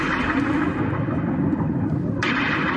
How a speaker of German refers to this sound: Und achten Sie jetzt mal drauf, wenn der Song losgeht, hören Sie ganz am Anfang so Regentropfen, die so aufploppen.